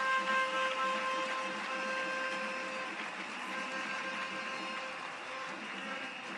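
A big round of applause during a speech, for the young members of the Defence and Security Forces: dense, steady clapping from a crowd that holds at an even, fairly loud level for several seconds with a faint tonal hum underneath and no talking.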